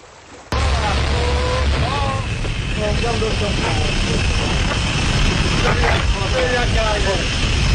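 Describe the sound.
An old archival recording of one of the first bathysphere dives, made by naturalist William Beebe and diver Otis Barton in the Sargasso Sea in 1930: a loud, steady hiss with a low mechanical rumble starts abruptly, and a voice speaks intermittently through the noise.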